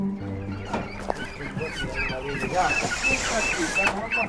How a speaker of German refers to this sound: Ein alter Lieferwagen parkt am Straßenrand. Hühner, Enten und Gänse drängen sich in kleinen Käfigen auf der Ladefläche, kritisch beäugt von 3 Geflügelfreunden.